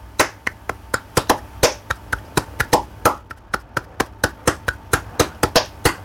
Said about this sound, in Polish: I to jest bulerias właśnie. No we flamenco także naszym instrumentem będą dłonie, czyli palmas. Palmas.